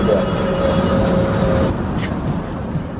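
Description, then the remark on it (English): A paraplegic wheelchair user boards a city bus for a ride from Tukwila to the South Downtown neighborhood in Seattle, amid a loud, steady engine rumble, with a sustained mechanical whine running for the first second or so before fading, and no talking. “getting on a bus with me.”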